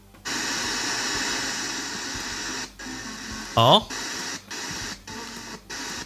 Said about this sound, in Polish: To jest przechodzenie po stacjach. Aha. A to nie jest właśnie strojenie ręczne, bo on tak jakoś szybciutko.